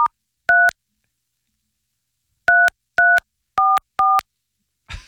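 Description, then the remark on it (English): Telephone keypad dialing tones as someone phones a man live on air, loud: a single beep, a two-second pause, then four quick beeps in a row, with a brief rustle at the end and no talking. “You're calling him live?”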